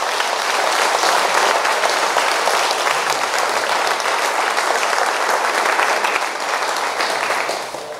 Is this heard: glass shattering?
no